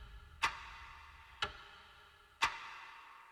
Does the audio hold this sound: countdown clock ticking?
yes